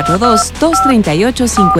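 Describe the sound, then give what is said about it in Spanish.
A telephone sound effect in an RTQ Radio (Radio y Televisión Querétaro) announcement of its studio phone line: short bursts of steady electronic phone tones, three or four in quick succession, layered over swooping voice-like melodic sounds, loud. “Teléfono en cabina”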